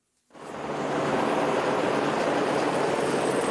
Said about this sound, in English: A helicopter drops reinforced pipe to the access tunnel for the Chilime hydro plant. The pilot struggles against the wind